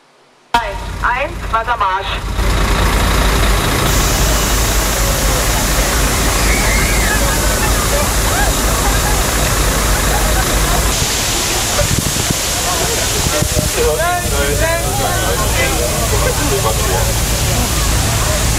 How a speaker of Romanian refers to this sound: În unele orașe, autoritățile au trimis cisterne care au pulverizat apă pentru a-i răcori pe pietoni.